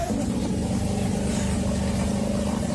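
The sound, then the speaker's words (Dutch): A motorboat engine drones steadily as the boat drives through flooded streets in Suriname, a loud, continuous low rumble with an even throb that holds without a break. No one speaks. “Met een motorboot door de straten, dat is wat ik nu in beeld zie.”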